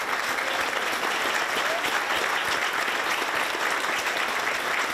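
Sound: applause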